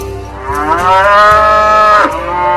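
A cow lets out a long, loud, droning moo rich in harmonics, its pitch bending down near the end before a second call begins, with soft low thumps underneath and no talking.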